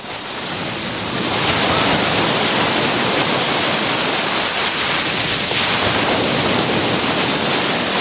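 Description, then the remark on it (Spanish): A steady roar of Mediterranean sea waves crashing and washing against the breakwater of Playa de la Charca beach, just below the lifeguard post, a dense churning surf that swells in after a moment and keeps rushing with no voices. “Yo estoy en el rompeolas de la playa de la Charca, justo debajo del puesto de salvamento, y el sonido del mar, lo que disfrutan ahora los playeros y playeras que me acompañan, es este.”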